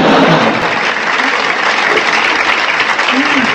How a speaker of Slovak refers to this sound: Aha. Ďakujem za potlesk. Ja som zvyknutý.